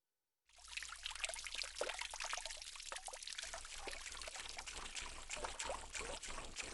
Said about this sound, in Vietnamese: Ở đây thì chúng ta có từ ちょろちょろ là âm thanh của chất lỏng, chẳng hạn như là nước chảy nhỏ giọt, nghe tí tách từng giọt như vậy ạ.